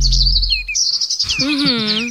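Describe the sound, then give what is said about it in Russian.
Several birds chirp and sing at once in a bright, busy chorus of high tweets and trills, with a lower warbling call joining partway through. No one speaks. “Ой, особенно приятно, когда ты в феврале приходишь и говоришь, ребят, вы слышали птички? Так птички это правда. Запели.”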